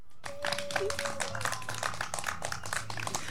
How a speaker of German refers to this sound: Ein kleiner Applaus für dich.